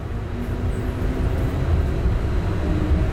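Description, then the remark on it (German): Steady low rumble of a tram riding along Sniper Alley, a multi-lane main street, with a constant droning hum and faint mechanical whine. The noise is continuous, with no voices. “Ich fahre mit der Straßenbahn die sogenannte Sniper Alley entlang.”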